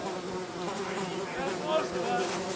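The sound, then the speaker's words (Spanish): A steady buzzing of flies fills the whole recording, a dense droning hum with slight shifts in pitch as the insects move around. “¿Se relajan las moscas?”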